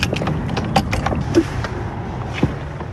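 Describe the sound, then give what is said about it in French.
The door of a 400-year-old, fully renovated chapel is opened: a series of wooden knocks and latch rattles, a short creak midway, then a final thud, with no voices. “Et nous, on ouvre cette porte.”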